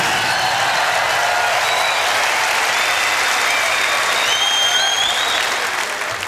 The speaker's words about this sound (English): And starting at the right hand, but I'd like you also to give another big round of applause to …, because this is what it's all about.